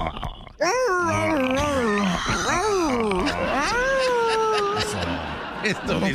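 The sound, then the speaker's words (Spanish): A person imitates a dog yelping in pain, a loud run of high, wavering whimpers and yelps that slide up and down in pitch for several seconds. “antes te quiero morder el cuello y le haces así como perro, como que te duele, ¿ok?”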